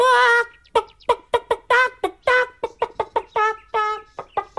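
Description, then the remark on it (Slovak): A hen clucks in a rapid, uneven series of short nasal clucks, broken by a few longer drawn-out squawks. The calls are loud and there is no talking. “To môže urobiť naozaj len sliepka.”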